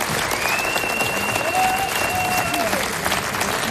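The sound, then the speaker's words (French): A crowd applauds loudly and steadily for Gantidele, a choir of 14 women singing polyphonic music, at an RCFM cabaret show. Dense clapping fills the whole stretch, with a sustained whistle-like tone rising above it partway through. “Je vous demande d'applaudir bien fort et Gantidele.”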